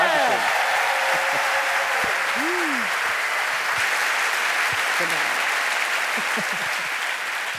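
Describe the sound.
Sustained audience applause for a show guest fills the whole stretch, a dense, steady wash of many hands clapping at even loudness, with a few faint whistles or voices rising briefly near the start.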